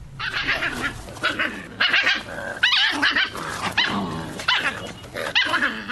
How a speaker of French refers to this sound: Le chien est un animal domestique considéré comme le premier compagnon de l'homme. C'est un mammifère carnivore qui rend beaucoup de services à son maître et qui a besoin d'être vacciné.